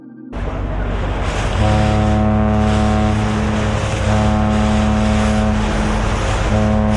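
A cargo ship on the Rhine, on its way to Basel, its engine droning steadily and deeply, with a continuous rush of water along the hull. The low throbbing hum stays loud throughout, with no voices.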